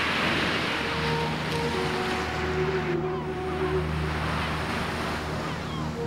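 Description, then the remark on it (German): Steady rushing surf of Black Sea waves fills the whole clip, loud and continuous, with a low engine-like hum and faint tonal drones underneath; no one speaks. “Und im Osten das Schwarze Meer.”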